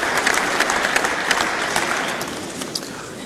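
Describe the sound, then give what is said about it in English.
Steady audience applause fills the whole stretch, a dense, even wash of many hands clapping at a fairly loud level with no voices over it. “Too many applause lines in this.”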